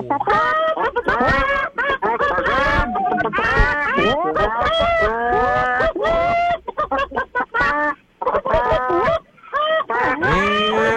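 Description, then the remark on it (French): Several radio callers on air loudly imitate clucking hens at once in a radio show contest, a dense, overlapping chorus of squawky, pitch-bending clucks that runs nonstop for about eleven seconds, thinning briefly toward the end. “Vous me parlez comme des poules.”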